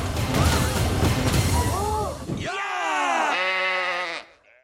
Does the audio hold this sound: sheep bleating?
yes